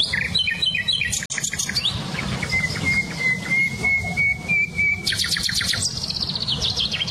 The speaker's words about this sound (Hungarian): nem csak a fülemüle hallatszik ki, hanem például a fekete rigó, csilcsa füzikének nagyon erős hangja van